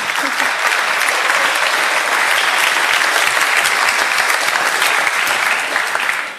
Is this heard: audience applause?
yes